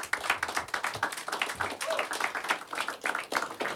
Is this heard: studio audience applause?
yes